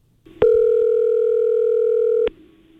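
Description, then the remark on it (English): A single ringback tone on an outgoing phone call from a radio station in Prince George to a prize winner: one steady, mid-pitched electronic hum lasting about two seconds, starting and stopping abruptly with faint clicks, over quiet line noise. “Listen to how excited the winner was when our station up in Prince George called him.”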